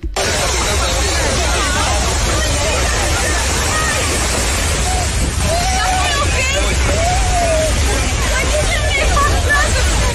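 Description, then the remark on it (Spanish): Desperate people screaming and crying out for help during a large fire at a tourist hotel in the Vallajibe area, over a loud, constant roaring noise, with several wailing, rising-and-falling cries emerging midway through a dense, chaotic hubbub. “Escuchemos parte de lo que se grabó allí y lo que quedó consignado en medio de los gritos de desespero de las personas buscando ayuda.”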